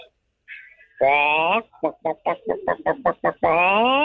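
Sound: voice imitating a chicken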